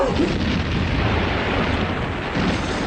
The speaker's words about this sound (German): Was waren wieder Fliegerbomben auf die Batterie?